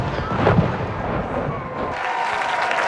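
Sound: cannon salute firing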